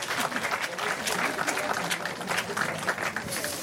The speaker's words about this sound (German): Ein Applaus für die Kollegen, komm mal.